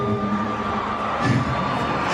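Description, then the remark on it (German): A large concert crowd roars and celebrates after a line is sung on stage, a dense, continuous wall of noise, with shrill shouts and whoops swelling briefly partway through. “Du bist gut genug auf dem Konzert und natürlich alle das mega gefeiert haben”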